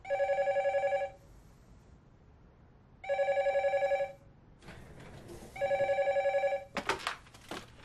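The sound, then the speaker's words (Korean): A telephone rings in three even bursts of about a second each, separated by pauses, as a bank employee places a verification call to a loan applicant's workplace, JS company, with some rustling and a short clatter near the end. “잠깐 확인 전화 한 통만 해볼게요.”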